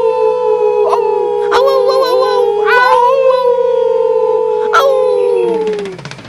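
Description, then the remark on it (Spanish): A voice imitates a wolf howl in the role of a lemur, a long sustained wavering note with a few brief pitch jumps, loud, fading out at the end. “Me encantan los lobos, pero soy un lémur, no un lobo. Aunque me gusta aullar.”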